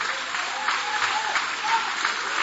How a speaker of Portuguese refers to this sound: E podem aplaudir a Deus também com muita alegria.